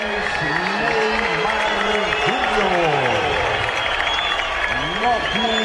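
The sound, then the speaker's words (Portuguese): Scattered, subdued applause from the stadium crowd at Vila during the announcement of the Santos lineup before Santos vs Macará, first leg of the Copa Sul-Americana round of 16; timid applause greets player Barreal, a steady wash of clapping and murmur throughout while a man talks over it. “Agora vem o Barreal. Aplausos tímidos.”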